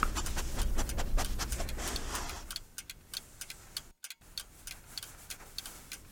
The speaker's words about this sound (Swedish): Medan doften spred sig i huset lyssnade jag på de tickande klockorna